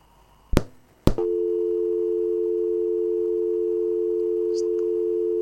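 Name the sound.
telephone call tone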